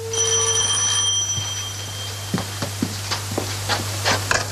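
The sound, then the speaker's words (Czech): A telephone rings briefly in the first second over a steady low electrical hum, then a series of sharp clicks and taps follows, like a handset being fumbled. No one speaks. “Pardon, budu se muset ještě na chvíličku zavolat domů, ať u mě vědí, kdy přijedu.”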